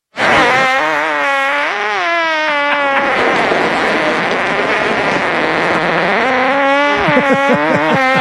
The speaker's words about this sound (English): Gentlemen, that was a fart. That's the inventor. It was the inventor of the device that keeps track of your flatulence.